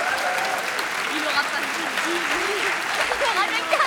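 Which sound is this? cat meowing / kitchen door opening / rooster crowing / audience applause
audience applause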